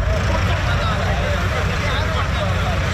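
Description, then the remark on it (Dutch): A steady, heavy rumble of tractor engines fills the scene without pause, a dense low drone with a faint murmur of voices mixed in. “Als je hier ziet wat er aan trekkers aankomt, nou, dan kan het maar zo zijn dat er 3000 zijn.”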